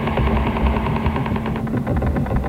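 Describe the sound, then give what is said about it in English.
A rapid, steady stream of sharp tapping pulses buzzes through radio static: the repetitive knocking of the Woodpecker interference signal, picked up across the United States, Britain, Western Europe, Australia and the Far East. It stays loud and unbroken throughout, with no voices. “Woodpecker doesn't just cover the United States. The signal can also be picked up loud and clear throughout Britain, Western Europe, Australia, and the Far East.”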